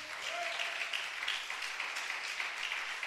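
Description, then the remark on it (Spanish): An audience applauds together, a dense, steady wash of many hands clapping at even loudness throughout, with a faint voice briefly audible beneath. “Denle ese aplauso al Señor, pues.”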